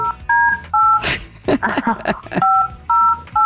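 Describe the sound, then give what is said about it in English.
A phone keypad being dialed: a series of short two-tone beeps in quick succession, loud, broken midway by a rustling burst and some muffled sounds before the beeps resume. “Let me get the devil on the phone here.”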